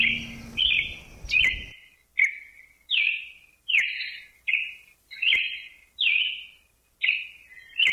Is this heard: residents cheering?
no